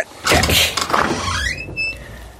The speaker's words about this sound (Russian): Он приказал ломать двери. Городовой воткнул ножны шашки в дверную щель и нажал.